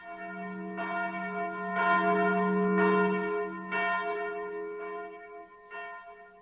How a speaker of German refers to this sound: Darauf läutete er die Glocke.